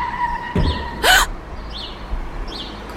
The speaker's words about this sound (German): Sie haben den Hund angefahren. Ich bin hier einfach nur entlang gefahren, als er plötzlich vor meinem Wagen auftauchte.